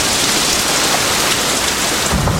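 A heavy rain shower pours down in a loud, steady, dense hiss with no pauses, and a brief low rumble swells near the end. No one speaks.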